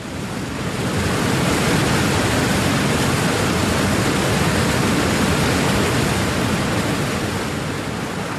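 A loud, steady roar of rushing water from a river waterfall fills the whole clip, swelling up in the first second and then holding as a dense, continuous wash of sound; a boat is being carried straight toward it by the current.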